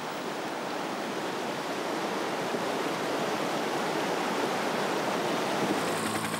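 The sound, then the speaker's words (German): Meltwater from the Fernaktferner glacier, whose ice dissolves into countless rivulets, runs in a steady, unbroken rush of trickling rivulets, a dense hiss of flowing water that holds an even level throughout with no voices. “Das Eis löst sich in zahllose Rinnsale auf.”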